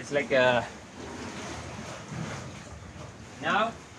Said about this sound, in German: Wenn das Meer ruhig ist, dann sieht das hier ganz anders aus. Dann ist das Meer nicht so hoch in der Höhle. Aber jetzt mit den Wellen geht es schon heftig hoch und runter. Eben ein bisschen Rollercoaster.